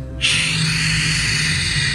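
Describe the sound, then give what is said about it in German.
A voice imitates ocean waves as a gentle sleep sound, 'wusch, wusch', with a long, breathy whooshing hiss that starts abruptly and holds steady for nearly two seconds, with a faint low hum underneath. “Wenn du möchtest, kann ich auch Wellen nachmachen.”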